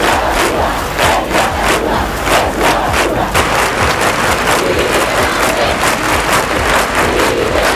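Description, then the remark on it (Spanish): A large crowd at a candlelit vigil in Spain on 12 July 1997, calling for the release of Miguel Ángel Blanco, shouts and chants in a continuous, loud roar of many voices, with scattered sharper desperate cries and bursts of clapping rising above the steady din. “Y la España que ya se había levantado para pedir la liberación de Miguel Ángel Blanco, a esta misma hora, 11 y 8, en aquel 12 de julio de 1997, se manifestaban vigilias con velas y con gritos desesperados.”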